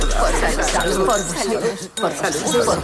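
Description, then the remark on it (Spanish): Glasses clink together in a toast, bright light chimes mixed in with murmuring voices and a busy background throughout. “Salud.”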